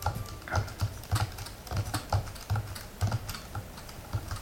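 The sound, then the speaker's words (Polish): Steady typing on a braille keyboard, a run of distinct clicky key presses in an irregular rhythm, moderately loud with no voices. “To jest klawiatura brajlowska.”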